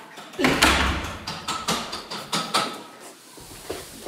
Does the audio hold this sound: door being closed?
yes